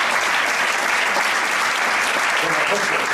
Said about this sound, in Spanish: Un aplauso también.